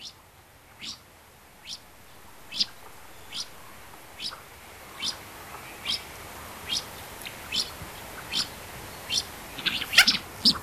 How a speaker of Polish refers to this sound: Tym razem posłuchamy właśnie mandarynki. To nie jest jej jedyny odgłos, ten, który usłyszymy. Nie jest to jedyny odgłos w jej repertuarze, ale chyba najbardziej charakterystyczny i słyszę go najczęściej, kiedy widzę przelatujące ptaki.